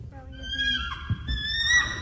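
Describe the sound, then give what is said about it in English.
A boy imitates a bald eagle's call: a high, thin, whinnying cry with shifting pitch, held for about two seconds, fairly loud with a brief breathy break midway. “This is the sound of an actual bald eagle.”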